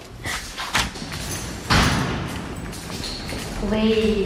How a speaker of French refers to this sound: Alors, on a descendu pas mal d'escaliers. On a ouvert des portes.